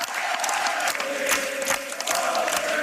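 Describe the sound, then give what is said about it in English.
A large crowd of young people, aged 18 and 19, sings together in a loud, continuous mass of voices, with a steady sung tone carried over dense crowd noise and scattered claps throughout. “And at this, the crowd breaks into a different song.”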